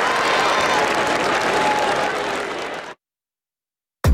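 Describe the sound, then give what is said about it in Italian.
A crowd applauds steadily with dense, loud clapping for about three seconds, then it cuts to silence before a brief burst of sound at the end. “Grazie, un applauso a voi.”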